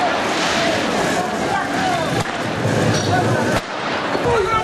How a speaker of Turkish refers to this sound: Arama çalışmalarının hızlandırılması talebiyle sokağa çıkan gençler polisle çatıştı. Güvenlik güçlerine taş ve havai fişek fırlattılar. Polis göz yaşartıcı gazla karşılık verdi.